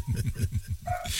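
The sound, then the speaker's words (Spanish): A neighbor's dog, left home alone, barks in a rapid, steady run of short, muffled yaps, coming from somewhere in the background at a moderate level, with no one talking over it. “Bueno, con perro y todo, te estoy escuchando y te estoy siguiendo.”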